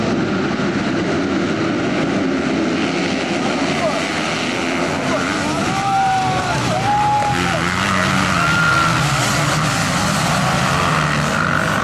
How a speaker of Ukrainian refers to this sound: Адже складні маневри на шаленій швидкості – це не лише джерело адреналіну, але й великі ризики для спортсменів. Під час заїзду один із учасників впав з мотоцикла.